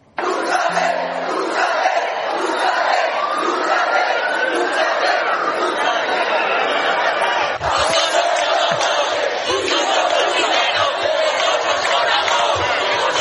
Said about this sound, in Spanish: Vámonos ahora a los gritos que se han lanzado en la acampada Sol. Escúchenlo.